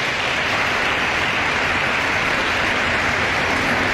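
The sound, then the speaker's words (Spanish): An audience applauds a young woman under 20 years old, many hands clapping into a dense, even wash of sound that holds loud and unbroken for several seconds, with no voices over it. “Sí, dele el aplauso.”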